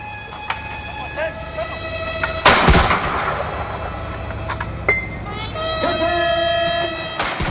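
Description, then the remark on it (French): A 21-gun cannon salute welcoming Chinese President Xi Jinping at the Alitia-Adia palace: heavy booming blasts, one loud shot and another a few seconds later, ringing out over steady sustained horn-like tones of a military band playing a welcome piece, and a faint background murmur. “Ils ont été accueillis par une garde d'honneur et une garde d'honneur à cheval, tandis qu'une fanfare militaire jouait un morceau de bienvenue et qu'une salve de 21 coups de canon était tirée.”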